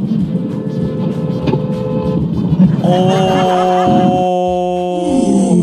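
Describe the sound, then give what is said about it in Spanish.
Steady traffic rumble in Tierra Bella, then a loud car horn blares in one long, continuous honk lasting a few seconds, its bright, brassy tone held at a steady pitch over the street noise. “Oye, pero esa bocina, esperemos que no haya pasado nada,”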